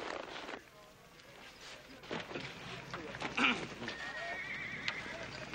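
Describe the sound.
A horse whinnies loudly while hooves clip-clop in an uneven rhythm, with some voices and general outdoor bustle underneath.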